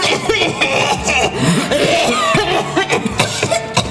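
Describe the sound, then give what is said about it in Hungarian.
Several nuns cough in a series of short bursts over a busy background of chatter and clatter as everyone clinks glasses and drinks, the coughs overlapping and continuing throughout. “Mindenki kocint isznak, a nővérek köhög.”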